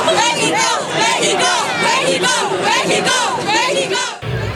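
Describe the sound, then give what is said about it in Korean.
A crowd of Mexican football fans in Guadalajara chants and shouts "Mexico" in unison ahead of a World Cup match against Korea, loud and sustained with rising, rhythmic cries, before cutting off abruptly near the end into a low rumble. “손흥민의 나라에서 온 한국 취재진을 볼 때마다 반가워하는 멕시코 팬들이지만 다가올 맞대결을 의식한 듯 멕시코를 외치는 목소리는 점점 커지고 있습니다.”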